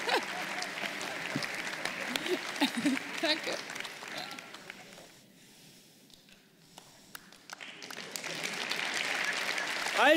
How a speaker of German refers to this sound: Das ist dein Applaus.